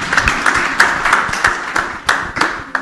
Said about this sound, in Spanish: Su representante del área de gestión pedagógica, y vamos a dar un fuerte aplauso por ella, porque vamos a escucharla.